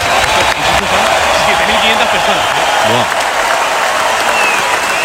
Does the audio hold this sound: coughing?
no